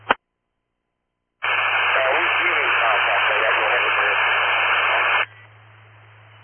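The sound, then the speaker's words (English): A brief click, then a loud burst of harsh static from a two-way radio call between Engine 11 and control carries a garbled, unintelligible voice for about four seconds before dropping to a faint hiss. “Oh, I can't really hear you. It's pretty static.”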